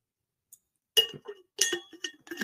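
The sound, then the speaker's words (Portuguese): Glass clinks and knocks as someone drinks water: a faint tap, then several bright ringing clinks in quick, uneven succession. No one speaks. “Vou tomar uma aguinha, desculpa, tá?”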